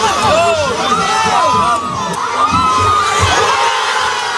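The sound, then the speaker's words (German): A large crowd of football fans on the island of Ambon, supporters of the German national team, cheers and shouts loudly and continuously, many overlapping voices rising and swelling together in a dense, energetic roar without pause. “Und so hört sich's an, wenn die da jubeln.”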